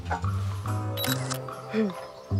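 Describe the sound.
A camera shutter clicks sharply near the middle, a quick mechanical snap with a second fast click, over a low hum and murmuring voices in the background.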